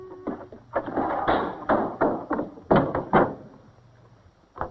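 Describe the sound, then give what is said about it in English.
A screen door bangs shut with a series of sharp, rattling wooden clacks, several quick impacts bouncing against the frame before a final lighter knock, with no voices. “Letting the screen door slam, strewing his clothes about the kitchen, certainly isn't being considerate of his mother.”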